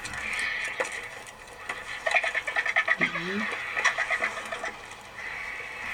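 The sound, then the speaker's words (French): A vulture lets out a short, abrupt sneeze in the middle of a quick run of clicking, pulsing calls, with steady outdoor chirping and buzzing in the background. “C'est un vautour qui éternue.”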